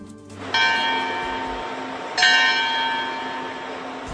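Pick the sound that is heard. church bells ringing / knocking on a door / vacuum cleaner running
church bells ringing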